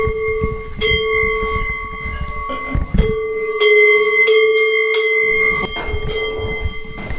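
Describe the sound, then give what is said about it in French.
Bells ring out loudly, struck over and over at an uneven rhythm, each clang leaving a sustained, humming tone that hangs under the next strike. No voices are heard. “Ah ben voilà des belles cloches.”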